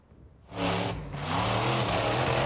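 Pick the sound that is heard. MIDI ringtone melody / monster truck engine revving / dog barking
monster truck engine revving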